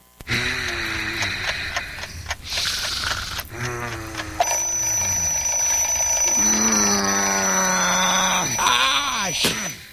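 A person groans and moans sleepily while, about halfway through, a shrill alarm clock starts ringing continuously and loudly, waking them, carrying on to the end under the groaning.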